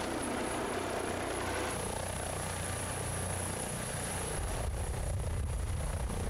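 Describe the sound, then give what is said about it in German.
A rescue helicopter, requested by the island doctor for an emergency, drones steadily with a dense, loud roar and a low rhythmic rotor throb underneath, continuous for the whole stretch with no voices. “Der Inselarzt übernimmt die Erstversorgung und fordert den Rettungshubschrauber an.”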